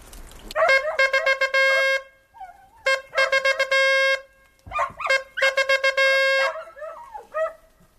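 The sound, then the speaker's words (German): A hunting horn sounds the signal for a dead roebuck: three loud phrases of rapid repeated notes and held brassy tones, with short pauses and a few wavering lower notes between them. “Das nächste ist Reh Bock tot.”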